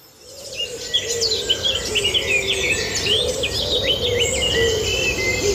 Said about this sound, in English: You're listening to the annual broadcast of the Dawn Chorus live on RTE Radio 1 and RTE Lyric FM.